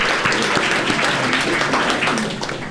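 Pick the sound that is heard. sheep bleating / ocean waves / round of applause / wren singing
round of applause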